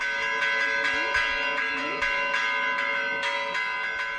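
Church bells peal continuously from the Real Santuario del Santísimo Cristo in La Laguna on 14 September, the feast of the Santísimo Cristo de La Laguna, with repeated overlapping strikes ringing out in a steady, busy rhythm and leaving a rich, sustained metallic hum, fairly loud and unaccompanied by voices.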